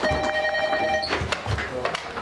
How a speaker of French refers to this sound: Tiens, c'est à toi de répondre, non? De quoi? Tu peux répondre. Ah ouais, au téléphone.